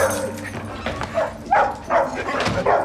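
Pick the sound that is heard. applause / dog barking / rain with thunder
dog barking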